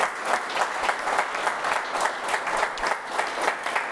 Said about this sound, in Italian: Presidente dell'aeroporto di Genova, Enrico Musso, grazie di essere con noi, un applauso anche per lei.